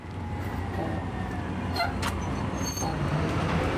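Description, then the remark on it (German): A bus that has just been missed rumbles off amid steady street traffic, its low engine drone constant throughout, with a couple of brief higher clatters partway through. No one speaks. “Scheiße, schon wieder Bus verpasst.”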